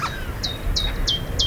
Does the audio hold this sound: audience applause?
no